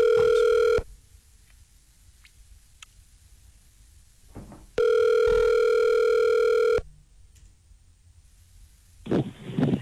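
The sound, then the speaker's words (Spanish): A telephone line tone of a call being transferred to Claro sounds in two steady bursts, the first under a second, then a gap of near silence, then a second burst of about two seconds, with a brief rustle at the end. “Llamada transferida a Claro. Bueno, ojalá esta sea la llamada.”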